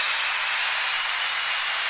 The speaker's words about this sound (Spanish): Gracias, chicos. Fuerte el aplauso.